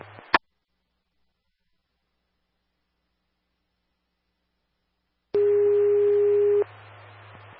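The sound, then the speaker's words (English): After a brief click and a long stretch of silence, a loud steady radio dispatch paging alert tone sounds for just over a second over a hiss of static, paging a medic unit for a medical transport; then the static continues alone. “Medic 1, stand by for tones.”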